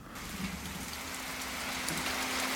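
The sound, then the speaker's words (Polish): Steady, dense rain hisses without a break, with a faint low rumble of thunder beneath and a thin sustained hum running through it; no one speaks. “Fajnie są te grzmoty, wiesz.”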